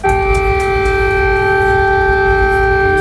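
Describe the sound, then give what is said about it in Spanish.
An air-raid siren wails at a steady, sustained pitch, loud and unbroken for the whole stretch, with a low rumble beneath it and no voices. “Cuando las alarmas antiaéreas suenan, lo hemos visto en Ucrania, lo hemos visto en Israel, en la Franja de Gaza, en el Líbano, la gente corre a sus búnkeres.”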